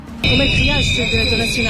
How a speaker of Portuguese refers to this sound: A concentração aconteceu junto ao Ministério da Administração Interna, onde esta tarde Luís Carrilho, diretor nacional da PSP, reuniu com Luís Neves. À saída, ouviu os apupos dos manifestantes.